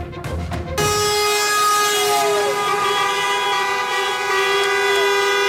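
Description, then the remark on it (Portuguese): Loud, sustained truck air horns blare together in a continuous honking chorus, steady and overlapping for several seconds after a brief burst of traffic noise, with no voices heard, as trucks honk in protest against rising fuel prices on the 25 de Abril Bridge in Lisbon, Portugal. “Já em Lisboa, a Ponte 25 de Abril voltou a ser palco de um buzinão.”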